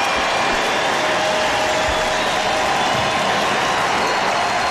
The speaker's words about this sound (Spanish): Todo el mundo empieza, se levanta y lo aplaude por ese gesto tan lindo de estar jugando béisbol en uno de los días más tristes de su vida.